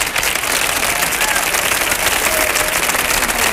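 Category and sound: crowd, audience applause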